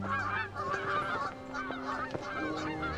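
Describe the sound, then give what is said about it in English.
A flock of geese flying in formation honks continuously, many overlapping nasal calls rising and falling at a steady, fairly loud level, with no voices present. “When geese are flying in formation, each bird benefits from the uplift created by the one in front of it, so that they fly in a very energy-efficient way.”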